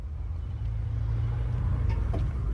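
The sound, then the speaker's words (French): A steady low engine rumble of a car on rue de Grenelle in Paris's 7th arrondissement, November 1945, with faint street ambience and a couple of brief higher clicks or squeaks near the end as a man gets out of the car; no voices present. “Un homme descend de voiture rue de Grenelle, dans un quartier chic de Paris.”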